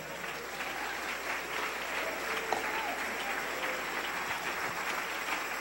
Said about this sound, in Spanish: Dele ese aplauso al Rey.